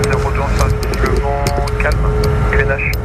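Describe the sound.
A loud, steady roar of a jet aircraft taking off in front of a small aeroclub plane lined up on the runway, with a constant whine running through it and a voice talking over the engine noise.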